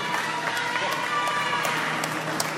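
An audience applauds steadily for a few seconds, a dense wash of many hands clapping at an even, sustained loudness, with a few sharper individual claps standing out. No one speaks.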